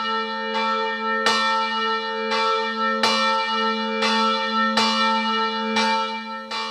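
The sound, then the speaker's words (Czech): The Liberty Bell of the monastery Church of the Annunciation of the Virgin Mary in Šumperk tolls Sunday noon steadily, about one loud stroke every three-quarters of a second, each strike leaving a long, shimmering hum that carries into the next. No voices are heard. “Zvon svobody z klášterního kostela Zvěstování Panny Marie v Šumperku ohlásil nedělní poledne.”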